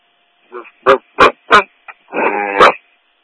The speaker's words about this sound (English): Big dog.